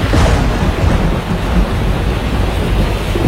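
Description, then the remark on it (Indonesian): Steady heavy rain pours down with deep rumbling thunder rolling underneath, a loud, continuous storm wash filling the whole scene with no voices present. “Angin kencang, hujan deras, dan kilat yang menyertainya bisa menyebabkan kerusakan besar.”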